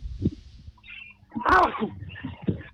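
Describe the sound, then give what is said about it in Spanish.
One sharp sneeze bursts out midway, loud and breathy, with a quieter rumble of background noise before and after. “Perdón, porque estaba estornudando.”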